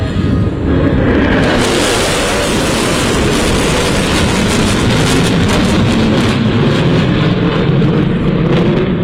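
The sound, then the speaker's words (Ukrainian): A deep, thunderous roar of US B-1 Lancer strategic bombers flying low overhead, loud and sustained for several seconds with a broad rumbling wash of engine noise and no voices. “Реакцію на літаки вдалось зафільмувати журналістам.”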